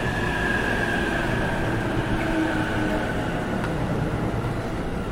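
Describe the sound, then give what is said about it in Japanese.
A 15-car, four-door special rapid train bound for Tsuchiura rumbles steadily into platform 4 of a station. A dense low roar of wheels and carriages, with faint high squealing tones drifting over it, continues loudly throughout. “特別快速土浦行き到着です。4番線ご注意ください。”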